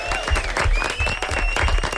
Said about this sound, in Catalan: Molt bé, un aplaudiment, no?